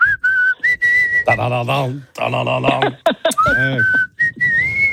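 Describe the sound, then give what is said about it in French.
A person whistles a short melodic tune for a listener to recognise, clear, with a steady pitched line that shifts between notes; brief bursts of voiced sound, like humming or vocal interjections, break in midway. “Tiens, maintenant, je vais te siffler un truc, on va voir si tu reconnais.”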